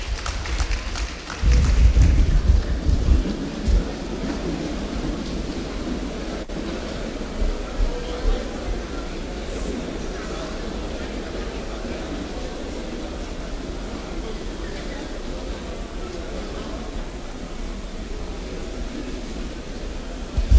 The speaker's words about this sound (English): Thank you very much. That was Oyo State anthem, actually. Please, a round of applause for Oyo State as we sit down.